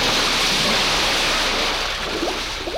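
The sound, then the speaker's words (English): A loud, steady roar of churning, rushing water fills the scene as a vehicle carrying 37 passengers dives off the Thames River Bridge into the cold water of the Thames River, like something heavy plunging into a river, with the surge easing only slightly toward the end. “swoops out over the Thames River Bridge, higher and higher, until it pauses in midair and, glancing downward, then dives head-on, rapidly and surely, into the incredibly cold, cold water below.”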